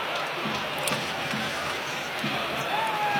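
A large football stadium crowd at an Elfsborg versus Hammarby match roars in a steady, dense wash of noise, loud and continuous throughout, with scattered shouts rising from the mass of voices, as a shot goes far over the goal.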